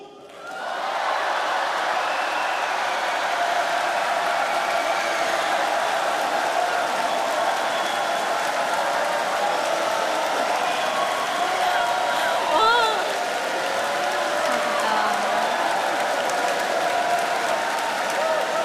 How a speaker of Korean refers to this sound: 하나님을 사랑하는 대한민국을 사랑하는 여수 진남실내체육관에서 모이신 여러분들 함성과 박수!